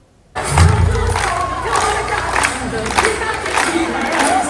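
A loud crowd of children erupts in cheering and shouts, with scattered clapping running through the steady roar for several seconds, close and energetic.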